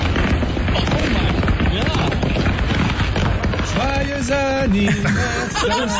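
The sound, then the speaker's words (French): Fireworks explode inside a burning truck that was transporting them, on a highway in Tennessee on a Saturday: a dense, rapid crackle of pops and bangs that never lets up for several minutes, loud, with voices calling out partway through. “Les pétards ont pété pendant plusieurs minutes et l'incident s'est passé samedi en pleine route sur une autoroute du Tennessee.”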